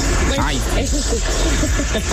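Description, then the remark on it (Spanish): Heavy rain pours down in a steady, hissing rush, like a running stream of water, with indistinct talking mixed into the continuous noise. “Se escucha como un chorro como usted, no, usted se imagina. Está lloviendo, es que está lloviendo”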